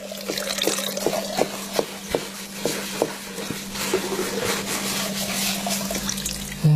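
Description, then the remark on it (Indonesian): A faucet runs in a steady wash of water while someone washes dishes, the dishes clinking in a quick series of sharp taps, over a low constant hum. No one speaks. “Ini sudah bantu cuci piring, bantu lagi masak, malah bukan bantu, aku yang masak sendiri.”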